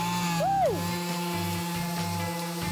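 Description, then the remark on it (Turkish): A power sander whirs steadily as it sands a wooden door, the final step in making the door, its motor pitch swooping up and back down before settling into a continuous mechanical drone with faint rhythmic scraping. “şu anda kapımızın son işlemi olan ahşap üretiminde zımpara işlemini gerçekleştirdik.”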